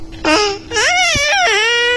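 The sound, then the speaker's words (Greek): Three drawn-out, high-pitched baby babbling sounds with sliding, sing-song pitch, fairly loud, each blending into the next with no other voices. “πρέπει να στείλουμε κάτι ευχές, αλλά πρέπει να τα πεις και στα μουρουδίστικα, μήπως ακούει κάποιο μωρό.”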